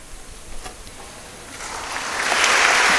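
An audience at a military medal ceremony applauds a lieutenant general receiving the Ati Vishisht Seva Medal before the President, a dense crackle of many hands clapping that starts soft and swells noticeably louder over the last second or so, with no voices over it.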